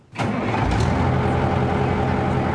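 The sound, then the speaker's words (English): A heavy amphibious vehicle's engine kicks in abruptly and settles into a loud, steady low rumble with a throaty mid-range drone as the vehicle drives onto a beach, past a pier and into the surf. No voices are heard. “All right, we are driving onto the beach.”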